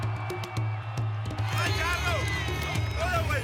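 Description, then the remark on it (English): A crowd roars and cheers to vote in a semi-final between two drivers, swelling after a moment with rising and falling whoops and shouts over a steady low hum, loud and continuous throughout. “Are you guys ready to vote with me? Woo! One more time, make it clear.”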